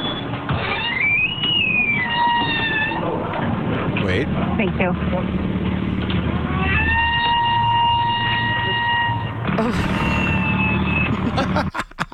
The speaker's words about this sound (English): We got another squeaky door. Oh, yeah. To add to our collection of the squeakiest doors around here.